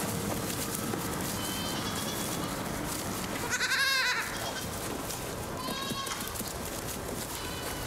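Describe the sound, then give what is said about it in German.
Young goats, including weak ones, bleat a few times over a steady, noisy background; one loud, wavering cry stands out in the middle, with fainter bleats before and after it. “Aber es stimmt, die Schafe waren besser, robuster als die Jungziegen.”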